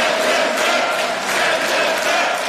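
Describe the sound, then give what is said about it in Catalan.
A large group of right-wing and far-right parliament members, standing after a regulation was adopted, some with raised fists, chants "Send them back" about immigrants and cheers together, a loud, dense wall of voices that holds steady for a few seconds with a faint rhythmic swell. “Han aplaudit dempeus, amb algun puny alçat, i alguns fins i tot han cantat això sobre els immigrants.”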